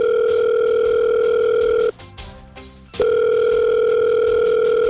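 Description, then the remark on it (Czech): A loud, steady telephone dial tone hums on one unbroken pitch as someone calls the regional governor (hejtman), cutting out for about a second partway through before resuming just as strongly. No one speaks. “No tak vytočte pana hejtmana, ten bude vědět.”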